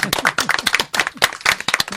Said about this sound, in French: Mais, on va vous applaudir d'ailleurs. Oui. Ouais. Vous pouvez vous applaudir.